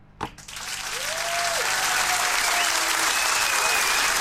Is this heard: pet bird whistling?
no